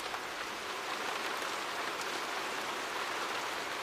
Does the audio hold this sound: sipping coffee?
no